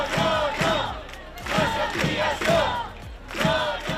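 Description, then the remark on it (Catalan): A large crowd in the Balearic Islands protesting against Aena's plans to increase traffic at the islands' airports chants in unison, loud voices rising in a steady, repeating rhythm of shouted phrases about once a second, with no single speaker standing out. “Milers de persones protesten contra els plans d'Aena que preveuen augmentar el trànsit als aeroports de les Illes.”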